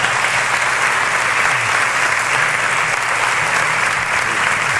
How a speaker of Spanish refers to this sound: Y dele un aplauso al Señor.